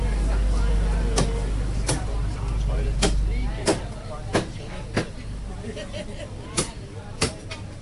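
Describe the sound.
A butcher's cleaver chops meat in sharp, hard thwacks, about nine at an irregular pace, at the front of a shop selling organic pork and chicken at 91 Chungnyung Street in North Point, over a steady low rumble and faint background voices.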